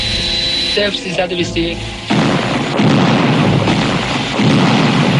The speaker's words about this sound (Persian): صدای انفجارهای متعددی که دقایقی قبل در فرودگاه مهرآباد روی داد در اکثر مناطق شهر تهران شنیده می شود. مردم سردرگم و حیران علت انفجارها را از یکدیگر جویا می شوند.